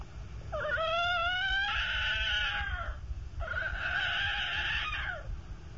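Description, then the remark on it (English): A human voice imitates a tiger cry from Africa with two long, strained wailing howls, each rising then holding a high, harmonic tone before dropping off, over a steady low background rumble. “Now I'm going to do a tiger cry from Africa.”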